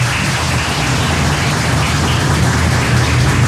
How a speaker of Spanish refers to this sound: Oficial y el ganador de estas elecciones con 737 votos en la delantera, la lista número 3, el señor Miguel Antonio Aguavil. Fuerte los aplausos.